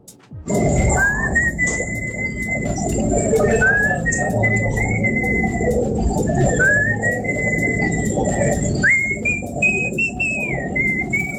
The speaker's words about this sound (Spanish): Ese silbidito es más poderoso que la carrera de todos los reggaetoneros juntos. El mío.